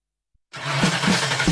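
A car engine abruptly roars to life after a moment of silence, a loud, close rumble with surging revs and a broad rushing noise over it.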